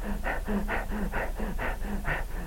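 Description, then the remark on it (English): A person imitates the heavy, out-of-breath panting of people after about ten minutes of screaming and rolling: rapid, rhythmic breaths, about ten in quick succession, fairly loud with no talking. “After about 10 minutes of screaming and rolling, they'd be out of breath. They'd be breathing like this.”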